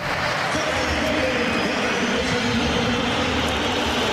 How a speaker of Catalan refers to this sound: A Julián l'han xiulat quan han anunciat el seu nom per megafonia a l'estadi, al Metropolitano. De fet, crec que tenim el moment d'aquesta xiulada, que perquè el pugueu escoltar, ha estat aquest...